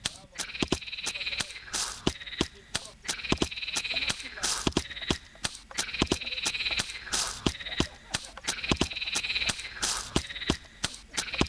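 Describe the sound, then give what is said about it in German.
A steady rhythmic beat with sharp percussive hits repeating every half second or so, layered with dense, buzzy croaking of recorded frogs that runs continuously through the loop. “Ah, ey, da ist der Froschbeat.”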